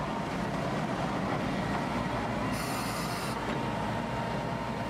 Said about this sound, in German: Ohne Zahnradunterstützung gelingt so die Überwindung einer großen Steigung mittels einer Spitzkehre durch einen Fahrtrichtungswechsel. Der Zug fährt dabei in ein Stumpfgleis.